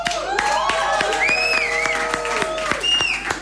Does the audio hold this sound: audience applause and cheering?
yes